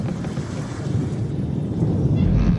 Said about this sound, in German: Nein, der Wind. Das ist immer stürmischer jetzt.